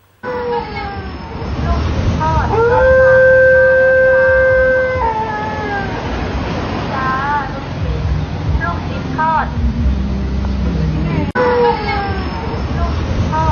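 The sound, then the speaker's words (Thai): A fruit shop's dog howls in long, wavering, sustained tones, rising and falling several times as a meatball vendor's vehicle that passes every day goes by, over the vehicle's steady rumble and background street noise, loud. “ฟังก่อนนะว่าจริงๆเนี่ยสุนัขตัวนี้มันเป็นของร้านขายผลไม้ร้านนี ้ เขาสังเกตเห็นว่าไอ้หมาที่เขาเลี้ยงเนี่ยเฮ้ยมันเห็นรถลูกชิ้นคันนี้เนี่ยขับผ่านทุกวันเนี่ยหมามันเห่ามันหอนทุกวันเลยนะ”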